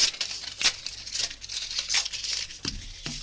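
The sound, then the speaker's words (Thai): Paper tearing and crinkling as a printed photograph of a child is torn up, with several quick rips and rustles in an uneven rhythm over a few seconds. Nobody speaks. “คุณกำลังทำอะไรอ่ะ เปล่าค่ะ ผมเห็นคุณกำลังฉีกกระดาษอะไรอยู่อ ่ะ”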